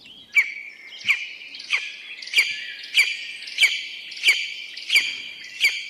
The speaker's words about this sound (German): Hört sich an, als niest der immer, ne? Aber bevor Sie jetzt Ihre Vogelstimmen-App bemühen oder im Forstamt anrufen, sage ich es Ihnen so. So rufen Schreiadler. Und das sind ganz tolle, prächtige Raubvögel mit bräunlichem Gefieder.